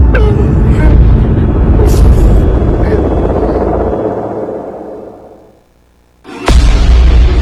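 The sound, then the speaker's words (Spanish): Heavy, booming explosions from a bombing attack shake a house, rolling into a long rumbling roar that fades to near silence, then another sudden, loud blast erupts and keeps rumbling. “Nos empezaron a bombardear y me espanté. La casa temblaba por las explosiones.”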